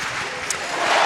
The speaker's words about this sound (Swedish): Och jubel på Alexander Stadium när Jaroslava Magushi klarar 1,97 direkt i höjdhoppet.